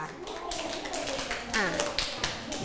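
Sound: classroom clapping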